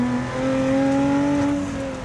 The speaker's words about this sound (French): Le 3,5 avec l'énorme compresseur. Je ne sais pas si vous l'entendez, mais ça chante.